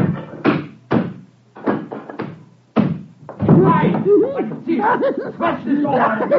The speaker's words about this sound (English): If you don't open this door, I'll smash it in.